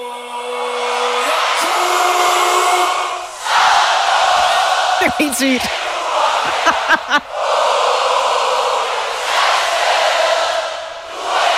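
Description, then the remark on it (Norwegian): A huge concert crowd sings along with a duo's song from its first note, in a loud, sustained roar of massed voices that barely lets up, with a short spoken comment cutting in partway through. “Altså, tror du, at publikum sang med?”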